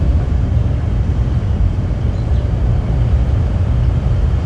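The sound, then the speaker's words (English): Steady, loud low-pitched roar of data center machinery about half a mile away in South Haven, Mississippi, recorded in a backyard in summer. It is a dense rumbling drone that never lets up, and a faint bird chirp or two a few feet from the mic barely pokes through the din. “Birds, just a few feet from the mic, can barely be heard over noise from a data facility half a mile away in South Haven, Mississippi.”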